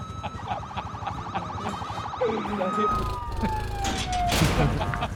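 A police car siren blares, a rapid pulsing yelp that shifts into a long falling wail, with rumbling traffic noise and faint voices underneath.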